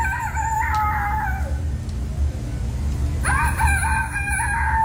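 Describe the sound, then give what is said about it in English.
A child's voice imitates a rooster's crow in two long, drawn-out calls separated by a short pause, sounding loud over a steady low background hum; the third-place entry in a kids' rooster-crowing contest at the Iowa State Fair. “Kids just testing out their best rooster impersonator.”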